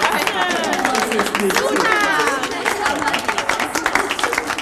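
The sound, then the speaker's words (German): Steady, dense applause from a group of people at a riding exam, many hands clapping rapidly and continuously, with excited voices and cheers rising over it throughout. “der natürlich wieder einen extra Applaus einheimst.”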